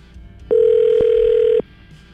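An outgoing call placed by the 101.9 POR radio show rings on the line: one steady, mid-pitched ringback tone lasting just over a second, loud against faint line hiss, with no one speaking.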